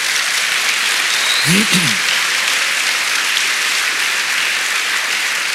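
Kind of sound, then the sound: crowd, audience clapping hands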